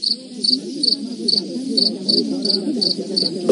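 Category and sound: insect, cricket chirping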